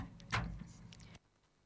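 A door is pushed shut, with a sliding rush of noise that cuts off sharply into near silence as it closes. Fairly loud, no voices.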